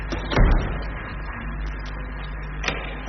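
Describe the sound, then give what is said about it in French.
A door into a first airlock, giving access to an animal facility where animals are housed, bumps open with a low thud at the start, followed by a lighter click a couple of seconds later, over a steady mechanical hum. “C'est un premier sas où là il y a une porte pour accès à l'animalerie, donc là où les animaux sont logés.”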